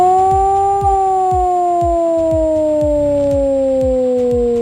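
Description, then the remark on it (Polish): A loud civil defense siren wails steadily during the nationwide Alarm 26 civil-defense exercise, its pitch slowly sliding downward across the whole stretch, with faint regular low thumps pulsing underneath and no voices. “W całym kraju można dziś usłyszeć wycie syren alarmowych.”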